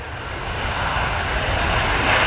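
An Airbus A350-1000 ULR (Ultra Long Range) jet airliner coming in to land, recorded from outside, its engines a dense, steady roar with a low rumble underneath, growing slightly louder over a couple of seconds. No voices are heard.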